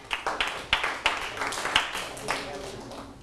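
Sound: class clapping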